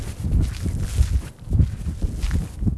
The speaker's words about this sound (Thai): มองผิวเผินเหมือนหาดทรายธรรมดาแต่ว่าถ้าลงมาเดินแล้วเนี่ยก็จะรู้ว่ามีสิ่งที่แตกต่างความรู้สึกสัมผัสที่เท้าเนี่ยเราจะได้ยินเสียงเลยกรอบแกรบกรอบแกรบ